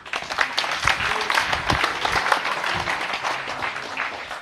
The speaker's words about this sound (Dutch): Mag je een applaus voor Chris?